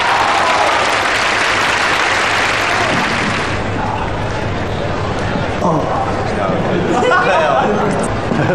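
An audience bursts into loud, dense applause for a few seconds as a performance is announced, then the clapping thins out into a murmur of audience chatter and scattered noise.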